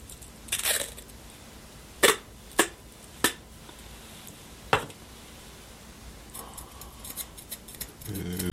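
Scissors snip through a piece of tape several times in close succession, each cut a sharp, bright click, with quieter rustling and handling noises around them. No one speaks.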